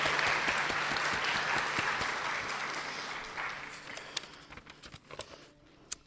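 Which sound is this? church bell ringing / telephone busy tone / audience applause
audience applause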